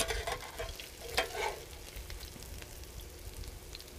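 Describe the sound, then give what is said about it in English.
Food sizzles and crackles steadily in hot olive oil, with a brighter burst of spattering and a scraping stir partway through, then settling back to an even fry. “So it's in olive oil.”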